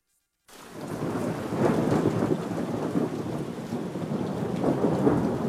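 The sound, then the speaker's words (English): A thunderstorm begins after a brief silence, with steady heavy rain and a deep, continuous rumble of thunder rolling underneath, loud throughout. “When storms threaten, minutes matter.”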